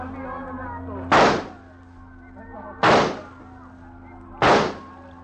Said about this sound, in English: That is real good shooting. Yes. Yes, I've never done better in my life.